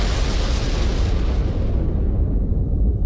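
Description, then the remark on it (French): A loud explosion of about ten kilograms of explosives in the engine room of a French passenger steamship in the harbour of Salonica: a powerful, sustained blast roar, its crackling high edge fading after about a second while a deep rumble keeps going. “L'explosion, qui n'a fait aucun blessé, provoque un incendie qui contraint à l'évacuation de tous les passagers.”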